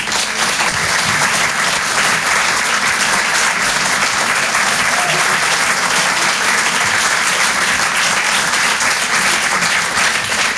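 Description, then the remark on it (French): Sustained applause from a large audience at the Apollo, welcoming performer Zach Brel to the stage: dense steady clapping at a constant loud level for about ten seconds, with faint cheering mixed into the wash. “En tous les cas, je vous demande de faire un maximum de bruit, s'il vous plaît, pour Zach Brel.”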